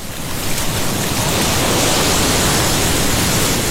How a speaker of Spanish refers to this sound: Espera que esta ola no me deja. No, las olas no me dejan. Espéreme, salgo a la orilla un poquitico.